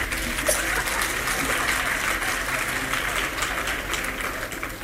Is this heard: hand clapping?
yes